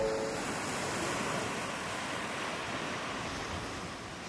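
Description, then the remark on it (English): Ocean surf breaks on a beach in a continuous, steady roar of rushing water, with a faint wind hiss over it and a slight easing toward the end. No voices. “often surf together on this beach, building a bond with nature forged by the waves of the ocean.”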